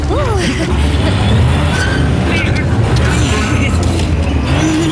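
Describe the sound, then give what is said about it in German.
The too-weak motor of Felix, a vehicle on a construction site, labors with a loud, steady low rumble while trying to move a large cable drum, droning continuously for several seconds as the drum does not budge, with a brief voice-like sound near the start. “Aber sein Motor ist zu schwach. Sie bewegt sich einfach nicht vom Fleck.”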